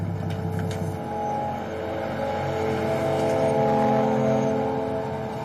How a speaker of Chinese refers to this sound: 老汪开着卡车在路上被一个骑三轮车的人给堵住了，老汪连忙让那人快闪开。